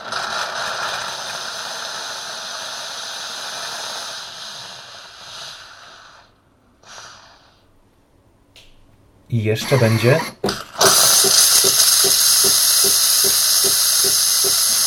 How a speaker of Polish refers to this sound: Ten głośny dźwięk, który Państwo teraz słyszeliście, to było też jakby osuszenie przy pomocy pary, taka jakby dezynfekcja tego elementu wylotowego, z którego nam cieknie, leci piana, tak, czy tam mleko.